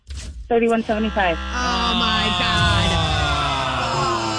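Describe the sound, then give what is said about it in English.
A voice shouts briefly, then a loud, harsh buzzer tone cuts in and holds steadily for about three seconds, a rough, droning electronic buzz signalling time is up in a price-guessing game, just after a final guess of $3,175. “So $3,175 was the guess at the buzzer.”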